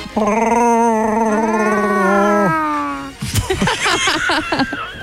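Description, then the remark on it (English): On a Power FM radio show, a man's voice imitates Chewbacca's roar: one long, loud, howling cry that wavers and climbs in pitch for a couple of seconds, followed by a shorter cry and choppy voices. “Never tried to do your own Chewbacca sound?”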